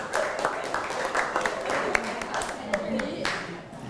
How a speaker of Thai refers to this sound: แค่นี้ปรบมือให้เพื่อน